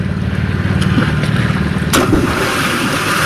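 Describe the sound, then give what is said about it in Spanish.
A single sharp splash sound effect, played as a cue sound, breaks over a steady rumble of wind and waves, with a low engine-like hum running underneath throughout. No one speaks. “también cuando suene un splash, cuando suene este sonidito que te voy a poner ahora, déjame ponerlo por aquí.”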